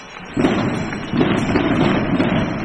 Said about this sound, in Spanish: Impresionante salva de cohetes que hemos escuchado desde todo el área metropolitana de Granada, tal y como ha señalado aquí en COPE el arzobispo de Granada